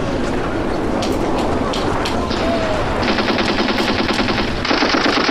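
A loud, continuous string of rapid crackling pops, like firecrackers going off, with scattered sharp bangs at first that build into a dense, steady rattling burst.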